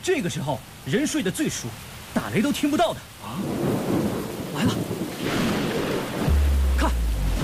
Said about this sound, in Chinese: 这天都快亮了，又下这么大的雨